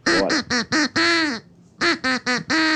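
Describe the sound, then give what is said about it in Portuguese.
Loud duck-like quacks form a sung melody of a song: four short quacks and a long held one, a brief pause, then another run of short pitched quacks. No one talks. “Então preste atenção, porque o Pato está cantando uma música.”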